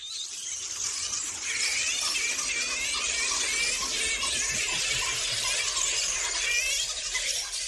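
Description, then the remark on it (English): A dense, continuous chorus of flying foxes chattering and squealing, many high-pitched overlapping calls layered into a steady shrill din with no pauses across the whole stretch. “We'll no longer hear their chattering in the trees at night, as they talk to each other”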